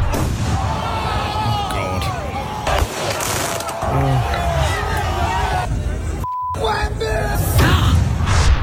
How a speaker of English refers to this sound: 63 arrested, 4 stabbed, 1 shot during Knicks title celebrations in New York City. Have a listen to there. They decided to get all the fireworks out. Have a listen to New York.